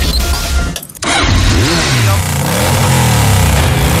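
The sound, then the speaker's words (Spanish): A motorcycle engine revs loudly, its pitch rising and falling in sweeping surges after a brief dip near the start, filling the whole stretch with a throaty roar. “Prepara tu motocicleta y vamos a rodar.”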